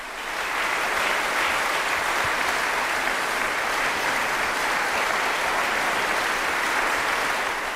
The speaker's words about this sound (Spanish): Pues ante esos aplausos del público en la sala Angélica Kaufmann, los intérpretes regalaban un bis, Sommerabend o Noche de Verano, de Johannes Brahms.